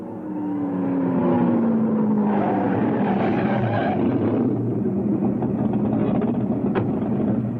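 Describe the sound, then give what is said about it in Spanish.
A red Ferrari's powerful engine rumbles, its pitch sliding downward as it slows to a stop, then idles with a steady, throaty drone. “¿Quieres que nos paremos y que nos bendiga un cura negro en un Ferrari rojo?”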